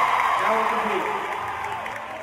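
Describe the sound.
A steady wash of applause from a crowd, fairly loud and sustained for a couple of seconds, with voices and scattered cheers mixed in.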